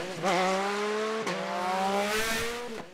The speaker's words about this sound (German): Ich weiß auch von Anwohnern aus Blies-Ransbach und Umgebung, dass die sich mit dem Auto gar nicht mehr über den Vechinger Berg trauen. Dass die größere Umwege in Kauf nehmen, nur um den Motorradrasern hier aus dem Weg zu gehen.